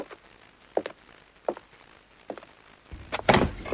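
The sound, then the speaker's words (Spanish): A few soft footstep-like thuds approach, followed by the heavier clunk and rustle of a door being opened, with no one speaking. “La inspiración llama a mi puerta.”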